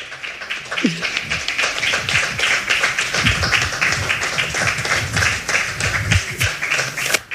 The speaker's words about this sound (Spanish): Sí, hombre, aplaudan, que nos gusta.